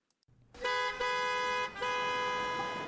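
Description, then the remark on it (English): Loud car horns blare almost continuously, with three long overlapping honks separated by brief dips, over a low rumble of idling traffic. “Are you stuck in traffic?”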